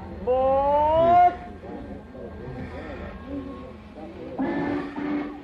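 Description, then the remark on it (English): The Winnetka passenger train at track 4 of a station: a loud, steady whistle blast, then low rumbling and clatter, and a sudden burst of hissing near the end, with faint voices in the background. “Is that the Winnetka train?”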